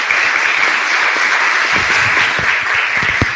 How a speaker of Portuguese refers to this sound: ela já estava fofocando aqui comigo, assim, gente, eles ainda aplaudem a gente.